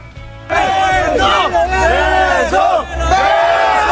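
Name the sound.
crowd cheering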